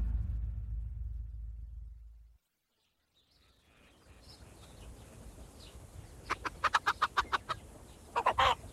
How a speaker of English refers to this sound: My chickens, come and feast on your corn. What a sight with you and your feathered brood, Father Damien.